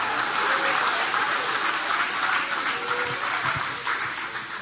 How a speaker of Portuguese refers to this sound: Pode tomar o vosso assento, guarda a Bíblia com carinho e podem aplaudir a ele também com alegria. Pode aplaudir, pode glorificar o nome dele.